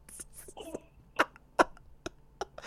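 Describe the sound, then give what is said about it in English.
Two sharp, explosive sneezes a fraction of a second apart, followed by a few softer breathy bursts in otherwise quiet surroundings. “Bless you, my sister.”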